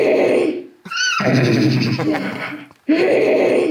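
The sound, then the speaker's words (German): Two people imitate a horse's neigh with drawn-out whinnying sounds, loud, with a brief shrill high-pitched rise in the middle and a short break before the imitation resumes. “Was wiehert ihr so?”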